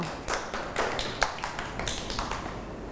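Children in a class clap together for a classmate at their teacher's request, a loose, uneven patter of sharp slaps lasting a few seconds, fairly soft, with no one talking over it.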